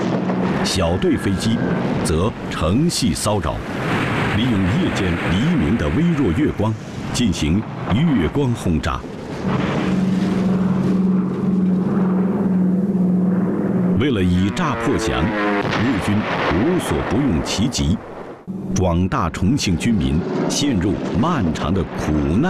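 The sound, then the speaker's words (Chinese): Droning Japanese bomber aircraft flying in large formations and a series of heavy, rumbling bomb explosions from round-the-clock, rotating bombing raids on Chongqing fill the scene, loud and dense throughout, with a man's voice speaking over the chaos. “大队飞机会不分昼夜进行疲劳轰炸、轮番轰炸。”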